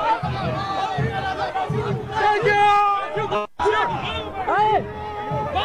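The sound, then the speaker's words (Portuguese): A crowd of Brazil football fans cheers and shouts loudly and continuously as player Marquinhos arrives, with many overlapping voices and a few higher yells rising above the din, briefly cutting out before resuming. “Vamos ver se a gente consegue ouvir. E o carinho da torcida, Marquinhos.”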